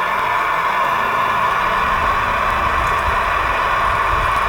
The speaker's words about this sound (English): We're on the 40 kilohertz, which is twice as much as we can hear. We're up to 60 now. And this is where we've got lots of static around 80.